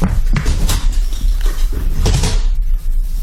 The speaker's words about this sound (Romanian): Ce-a fost asta, Hank? Parcă s-a trântit o ușă.